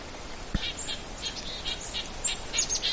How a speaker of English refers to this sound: I'm in a little flock here, primarily of black-capped chickadees. You can hear that, yeah, yeah, yeah.